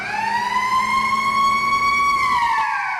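A loud, steady siren wails on one sustained tone with rich harmonics, rising slightly and then sliding downward as it winds off near the end, over a low rumble: the first siren of a fish market, sounding at exactly 3 a.m. to open the market.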